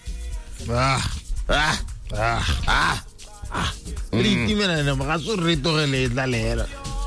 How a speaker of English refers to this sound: And in the background, dog.